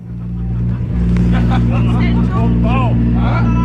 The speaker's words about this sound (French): C'est 4h33 au quai de l'étendue Nord, les bateaux ronronnent, le temps est doux